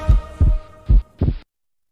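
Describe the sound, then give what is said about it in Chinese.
A loud heartbeat sound effect thumps in two deep double-beats, lub-dub, lub-dub, with a low booming resonance and a short pause between them, then cuts to silence. It is used in a television advert for Danshen heart-protecting tea, evoking heart palpitations. “胸闷、心痛、心悸，喝丹参保心茶”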